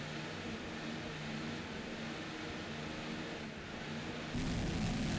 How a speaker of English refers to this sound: Your national champion, Team Taboo, P3-1. The diesel-powered fountain with the Arneson drives. You can hear the turbos hum on the diesels. Listen on in.